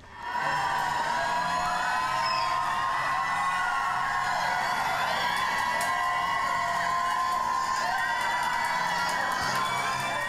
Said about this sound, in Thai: เดินเข้ามาก็นึกว่ามาแสดงคอนเสิร์ตนะคะอารมณ์เดียวกันเลย หรือแฟนมีหรือเปล่า เสียงกรี๊ดมาเลยมาก่อนเลยนะคะแม่นี่ก็เตรียมกรี๊ดเอาไว้นะคะต้อนรับเปิดประตูลูกชายเข้ามา